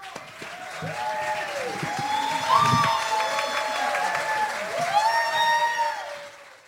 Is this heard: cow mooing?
no